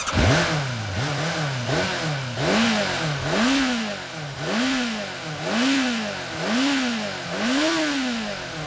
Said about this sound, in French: Voilà, je démarre! Je fais rugir mon moteur!